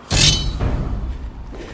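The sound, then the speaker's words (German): A single sudden, sharp hiss of an arrow whooshing through the air, bright and loud, fading over about half a second into a low rumbling hush. “Einen Pfeil. Von dort.”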